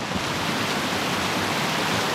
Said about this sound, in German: Es ist Wasser, das plätschert da oben am Kaunertaler Gletscher.